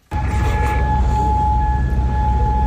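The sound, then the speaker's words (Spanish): A loud air raid siren sounds at night in Kuwait, holding one steady, unwavering wail for the whole stretch over a low, constant rumble, with no voices present. “En Oriente Próximo esta noche, de nuevo, sirenas antiaéreas en Kuwait.”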